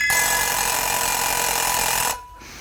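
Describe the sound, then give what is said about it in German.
A mechanical alarm clock bell rings loudly and continuously, a harsh metallic rattling clang that holds steady for about two seconds before cutting off abruptly. “Der Wecker.”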